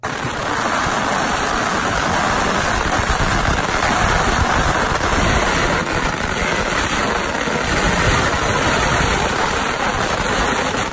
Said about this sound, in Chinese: 各位，你听过炸邯郸的鞭炮声吗？在介绍十家将之前，让您听听炸邯郸时的鞭炮声如何震撼人心。